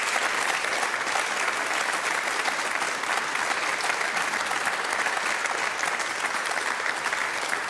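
A crowd applauds steadily throughout, a dense, even wash of many hands clapping at constant loudness with no voices standing out, inside the Eventkirche in Dortmund.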